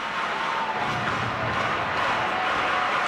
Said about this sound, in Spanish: El público animando aquí a Los Ángeles. Aplaudiendo rítmicamente.